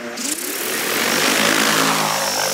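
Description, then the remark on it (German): A steady, high-pitched buzzing whine of a small drone's propellers, fairly loud, holding an even tone with faint outdoor air noise around it, as the drone flies over ripe summer barley on a test field in the Swabian Jura in early August, dropping seeds. “Statt mit schweren Landmaschinen das Feld zu beackern, fliegt Anfang August eine Drohne über die reife Sommergerste auf einem Versuchsfeld der Schwäbischen Alb.”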